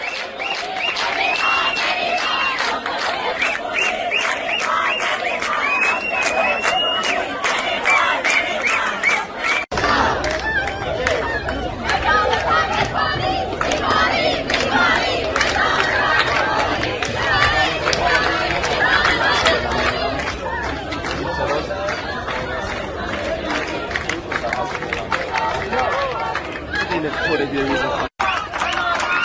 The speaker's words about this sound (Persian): به گزارش خبرنامه امیرکبیر، در جریان تجمع تنش‌های میان دانشجویان و نیروهای بسیج رخ داده و دانشجویان با سر دادن شعارهای خواستار پیگیری مطالباتشون شدند.